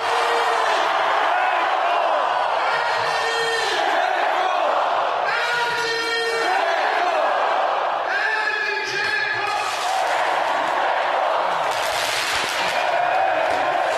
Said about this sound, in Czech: Slyšeli jste pod tím vyvoláváním jména Edin Džeko i ohňostroj, opravdu to bouchalo, svítilo.